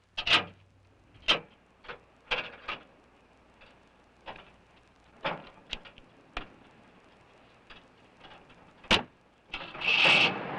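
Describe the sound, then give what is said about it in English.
The motor of a car whose fender is cutting into the wheel turns over and runs unevenly, with sharp irregular clicks and knocks over a faint steady hum, ending in a brief louder rushing roar. No one speaks. “The motor works, see?”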